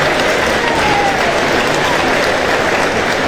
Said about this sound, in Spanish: le damos la bienvenida con este fuerte aplauso y ya les cuento de qué vamos a conversar con él.